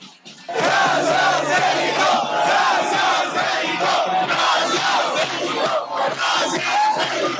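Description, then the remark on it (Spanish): A large crowd of foreign football fans in Mexico bursts into loud, sustained shouting and chanting after a brief quiet start, many voices blending into a continuous roar with rhythmic surges throughout. “Vamos a escucharlos gritar para reconocer la hospitalidad que nuestros paisanos les han brindado aquí en nuestro país.”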